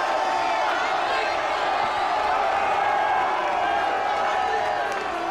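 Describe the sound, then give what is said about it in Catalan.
A loud, sustained stadium crowd roars and cheers in an ovation for footballer Martín de Michelis as the team comes down into the stadium amid flare smoke, a continuous wall of sound with a dense murmur of many voices blending together throughout. “enorme la ovació que s'ha enduit Martín de Michelis, molt més important que l'altra vegada que va ser el seu primer partit a Espanya, contra Espanyol, perdó, i escoltat, som molts.”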